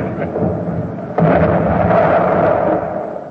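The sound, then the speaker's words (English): A loud, low foghorn blown by Captain Lawson as a signal of two blasts drones over a rough rumbling background, jumping in strength partway through and holding steady before tapering slightly at the end. No one speaks. “Get ready, Captain Lawson, to blow your foghorn. Two blasts.”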